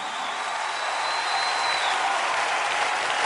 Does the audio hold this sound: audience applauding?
yes